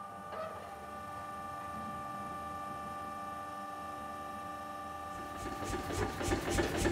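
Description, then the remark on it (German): An old hydraulic press, several years in use, runs with a steady mechanical drone and a tonal hum, then grows louder and rougher with churning, pulsing noise in the last couple of seconds. “Das ist unsere Hydraulikpresse. Das ist ein altes Mädchen, ja.”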